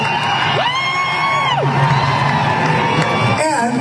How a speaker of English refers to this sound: For those of you booing us, some of us are not afraid. And we most assuredly are not ignorant.